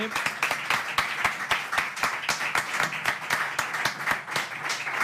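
An audience applauds steadily, many hands clapping in a dense, continuous patter with a few sharper claps standing out, holding an even loudness for several seconds.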